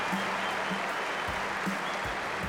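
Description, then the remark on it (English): A crowd applauds and cheers for sailor Sir Ben Ainslie, rower Sir Steve Redgrave and cyclist Sir Chris Hoy at the championships, in a dense, steady wash of clapping that fills the whole clip, with a few low thumps underneath and no pauses. “Extra special cheer for Sir Chris, who of course has his health problems.”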